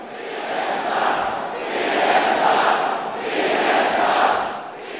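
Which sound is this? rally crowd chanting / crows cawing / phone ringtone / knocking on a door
rally crowd chanting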